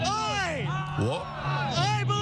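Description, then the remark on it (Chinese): A group of voices shouts a chant together, loud, with rising and falling pitch in a steady rhythmic cadence, mixed with background crowd noise; fans in the capital celebrating the U.S. team's 2-0 win, its first World Cup knockout-match victory in 24 years. “我觉得这值得我们欢呼，你们跟我一起喊，”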